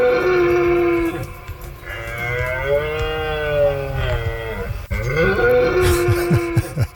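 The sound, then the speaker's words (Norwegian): A red deer stag roars in the autumn rut in Norwegian forests: two long, loud, guttural bellows with a rich, moaning pitch that rises and falls. The first lasts several seconds before a brief break and another call. “For sånn kommer det til å høres ut rundt omkring i norske skoger fremgjørende, for nå skal hjorten ut og brøle.”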